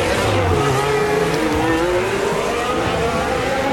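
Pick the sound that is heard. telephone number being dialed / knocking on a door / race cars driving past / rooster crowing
race cars driving past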